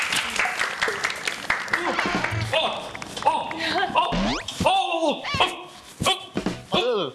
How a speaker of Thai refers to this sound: มาแล้วครับและเพื่อไม่เป็นการเสียเวลานะครับผมขอเชิญครูสอนแอโรบิกได้เลยครับผมขอเสียงตบมือด้วยครับขอเสียงตบมือด้วยครับ